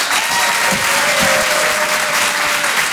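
audience applause

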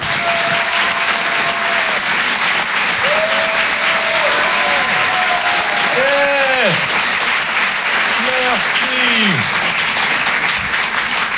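audience applause and cheering

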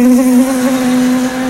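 wasps buzzing in flight

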